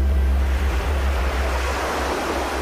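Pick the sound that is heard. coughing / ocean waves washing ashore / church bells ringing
ocean waves washing ashore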